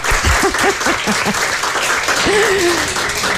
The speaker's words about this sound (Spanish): Nos podemos reír un poco, ¿eh? Podemos aplaudir para que se note que estamos aquí. Venga.